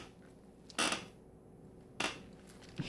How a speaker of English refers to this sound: in a squeaky chair